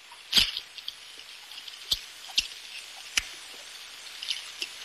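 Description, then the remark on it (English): Underwater tape recording, played back by Navy officers and recorded every year since a first sub appeared, of faint, squeaky bursts a little like quacking, scattered among a few sharp clicks over a steady static hiss, with no voices. “It sounds a bit like a few Donald Ducks at a very long distance.”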